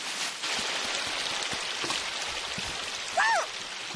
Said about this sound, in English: Wow. It's a little stream of water. What a pretty sound. Splish, splish, splash. Yeah, that sounds very relaxing.